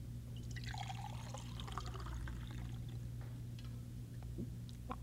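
Milk made from powder is poured steadily into a glass aboard a ship, a continuous gurgling splash lasting several seconds with a few brief trickles near the end, over a faint low hum.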